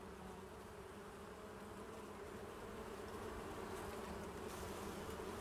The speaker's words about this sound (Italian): anche le api hanno una funzione importante vicino ad una vigna. Sono delle ottime sentinelle della salute dell'aria e delle piante. Sono molto sensibili e l'uso massiccio di fitofarmaci nelle coltivazioni le uccide.